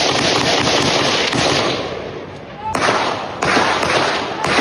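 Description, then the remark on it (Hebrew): Gunfire in a prolonged exchange lasting long minutes between a man armed with a long weapon and police, in the streets of the Kiryat HaSharon neighbourhood around 7 in the evening: sharp, loud cracks ring out at irregular intervals, with a few fainter pops in between, over a steady hiss of background noise. “מלבדו איש לא נפגע, אבל הירי הממושך עורר בעלה גדולה בשכונה”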